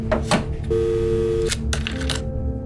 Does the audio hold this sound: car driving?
no